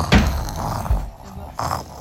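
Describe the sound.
Loud, rough snoring, seemingly imitated by a voice as the big bad wolf sleeping after eating: two throaty, rattling breaths separated by a short pause.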